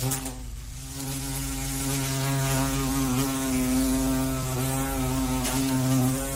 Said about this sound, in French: Voilà un bruit qu'on redoute pendant l'été, c'est celui des guêpes et des abeilles.